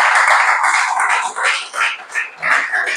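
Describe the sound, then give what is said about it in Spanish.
A church audience breaks into loud, sustained applause for a Bible passage read during a sermon, a dense wash of many hands clapping together that swells and dips slightly over a few seconds, with no one speaking. “Yo le daría un aplauso a esta palabra preciosa.”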